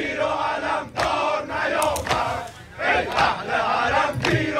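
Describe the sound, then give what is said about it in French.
A large crowd at a funeral ceremony in front of the Grand Mosalla in Tehran shouts chants of support for Khamenei in unison, voices rising and falling in repeated chanted bursts, loud and dense throughout with no single voice standing out. “Les participants tiennent des photos du leader suprême, de la musique religieuse est diffusée et régulièrement des chants de soutien à Khamenei éclatent dans la foule.”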